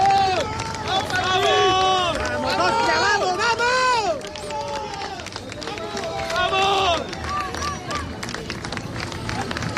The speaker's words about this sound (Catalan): Aplaudiments, unanimitat en els aplaudiments a l'arribada de l'equip a l'estadi Samuel Mirona.